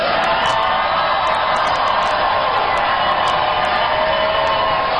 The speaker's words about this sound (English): What are you idiots cheering for?